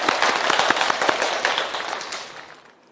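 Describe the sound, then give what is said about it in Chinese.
An audience breaks into applause to welcome a teacher who will give a demonstration recitation of Du Fu's poem, a dense wash of many hands clapping at once that holds steady for a couple of seconds, then thins and fades away. No voices are heard. “我们掌声欢迎。”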